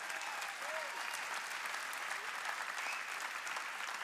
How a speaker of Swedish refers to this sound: Ikväll ska vi få lyssna på vår nya föreståndare för Pingströrelsen. Johanna Bode, ge henne en stor applåd.